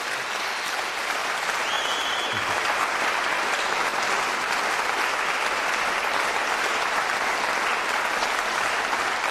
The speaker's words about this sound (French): je crois qu'on peut encore une fois l'applaudir pour ce magnifique récital.